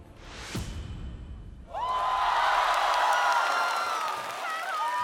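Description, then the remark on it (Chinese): A brief whoosh-like swell gives way to a loud burst of live audience cheering and whooping as singer Hu Yanbin's ranking is revealed, with high shouts and sustained roar holding steady for several seconds. “又是一个全场欢呼的名次。”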